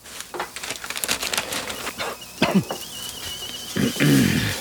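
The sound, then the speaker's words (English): An electric kettle heating water for a cup of tea, with crackling, ticking and bubbling bursts, a thin steady whine rising partway through, and a louder rumbling swell near the end. “The kettle's on.”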